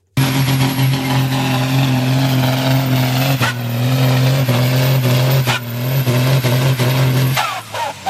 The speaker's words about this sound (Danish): Ja, det her, det er selvfølgelig lyden af en traktor, det er traktortræk.